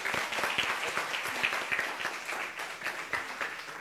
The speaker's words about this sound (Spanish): a quien le vamos a dar un gran saludo y un aplauso, por supuesto.